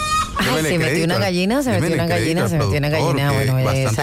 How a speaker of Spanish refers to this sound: ¿Por qué me pone una gallina?